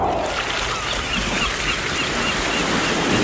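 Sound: seaside waves and wind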